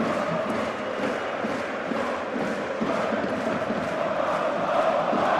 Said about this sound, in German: Und es gibt nochmal Applaus der eigenen Fans.